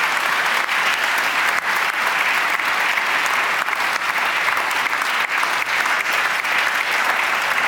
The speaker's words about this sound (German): Und das ist auch einen Applaus wert. Vielen Dank. Vielen Dank. Danke.